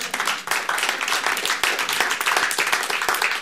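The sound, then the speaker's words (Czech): A burst of steady applause from a group, dense overlapping claps holding at an even, fairly loud level throughout with no voices standing out. “No to je pěkné sdělení, to je na potlesk.”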